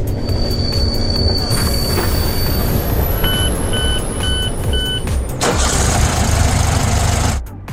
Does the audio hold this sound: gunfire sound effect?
no